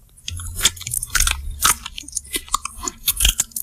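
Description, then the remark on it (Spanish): A bearded vulture chews bones with loud crunching and cracking bites in an irregular rhythm, several sharp snaps over a low rumble, with no voices. “Este es el quebrantahuesos masticando, el quebrantahuesos que, por cierto, tira las piezas que se predispone a comer desde la altura para romperlas,”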